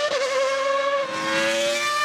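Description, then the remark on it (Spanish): A 1990 Formula One racing car engine screams loudly, holding a sustained high-pitched, harmonic whine that wavers slightly in pitch, with no voices present. “Aquí estamos el motor de el famoso camión de 1990 que condujo a la Prost.”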